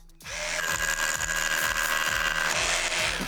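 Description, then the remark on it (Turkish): A Hilti hammer drill bores steadily into concrete, drilling holes to attach a railing to a porch. Its loud motor whine is joined by a rapid percussive hammering that continues without a break for about three seconds. “Şu anda verandaya küpeşle takabilmek için betonda delikler açıyorum.”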